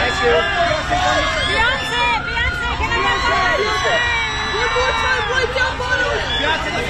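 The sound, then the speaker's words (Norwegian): A dense crowd of voices shouts and calls over one another at a red carpet press line, a steady, loud wall of overlapping chatter with raised, rising cries throughout. “Vi hører litt lyd ved fra den typiske rød løper.”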